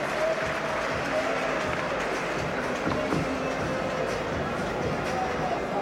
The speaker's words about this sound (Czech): Nemáme už čas na další střely, takže zatleskáme soutěžícím, bylo to vyrovnané, chlapi si budou muset střihnout.